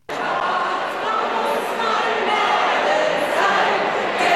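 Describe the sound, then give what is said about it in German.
A packed, sold-out festival tent audience of fans in Kastelruth, South Tyrol, cheers and shouts for a singer, a dense, loud, continuous roar of many voices that holds steady for several seconds without letting up. “Und das Publikum war aus dem Häuschen, als der Blonde mit der schwarzen Sonnenbrille in unverändert tiefem Bariton die Lieblingslieder seiner Fans anstimmte.”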